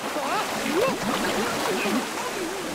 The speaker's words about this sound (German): Abgesehen von der Kälte war es auch sonst kein Spaß, in dieses sprudelnde und schäumende Wasser zu steigen. Seht das Wasser hier!